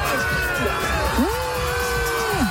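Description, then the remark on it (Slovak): A dense crowd chants, roars and cheers on a beach, welcoming a swimmer who has just succeeded on his fifth attempt, with overlapping shouts and a sustained whooping voice rising above the steady din of many people. “pokuse, ale absolútne to stálo za to, lebo na pláži ho čakal skandujúci dav, ktorý sa takto tešil z jeho úspechu.”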